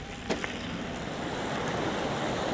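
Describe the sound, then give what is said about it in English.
The Utakura River, west of Okaiho beside a cycle trail under a canopy of native bush, burbles and gurgles steadily beside the riders, a continuous rushing wash of flowing water with a brief sharper splash near the start and no voices. “It burbles and gurgles beside us as we ride under a canopy of native bush, the trees so plump with leaves we have to flip our sunglasses up from our eyes to see.”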